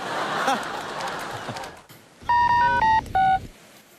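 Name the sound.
telephone keypad dialing tones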